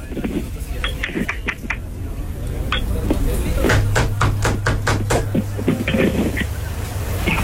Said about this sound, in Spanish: ¿Quién toca la puerta?